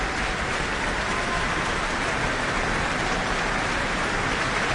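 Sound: audience applause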